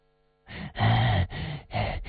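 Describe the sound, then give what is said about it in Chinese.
Heavy, ragged panting from an old man after a cloth gag is pulled from his mouth, four loud gasping breaths in a row with brief gaps, strained, with no words spoken. “老家伙一直在喘气，萧峰用枪顶在他的脑袋上。”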